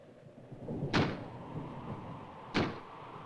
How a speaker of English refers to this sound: That's just the wind banging a door. Pay no attention to it.